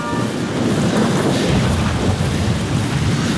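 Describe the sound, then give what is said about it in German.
A loud, steady roar of heavy rain with deep rumbling thunder rolling underneath from a thunderstorm directly overhead, continuous, with no voices. “Das Gewitter ist jetzt genau über uns.”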